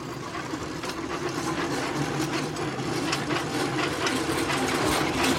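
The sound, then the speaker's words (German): Pedal-powered rail bikes with a bell, ridden by two men in orange vests at sunrise, clatter steadily past along the tracks: a continuous metallic rattling and clicking with wheels rolling over rail joints and no voices. “So, also das war jetzt mal eine Live-Fahrradtour auf Schienen.”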